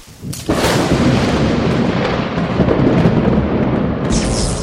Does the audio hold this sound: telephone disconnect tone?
no